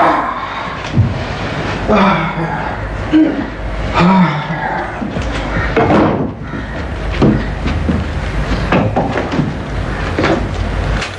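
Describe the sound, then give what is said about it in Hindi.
A door is opened after someone knocks, amid a series of knocks and clunks, with muffled voices murmuring in the background throughout. “मैं दरवाजा खोलती हूँ।”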